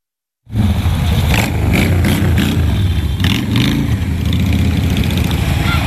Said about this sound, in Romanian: Durii pe două roți le-au făcut copiilor desene pe față, s-au jucat cu ei și le-au arătat motocicletele cu mulți cai putere.